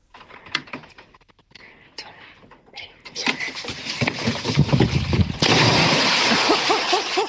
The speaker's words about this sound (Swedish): Oj, oj, oj, vilket plums! Det lät nästan som det var mer än två små barn som sprang på den där bryggan. Dunk, dunk, dunk. Oj, oj, oj.